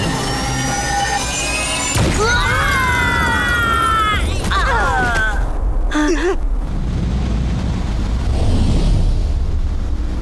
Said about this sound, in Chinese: 不好， 小心弹药爆炸了！